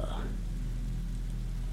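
Soft, steady rain patters continuously beneath a low, humming drone, with no pauses or distinct drops standing out. The whole stretch stays at an even, gentle level.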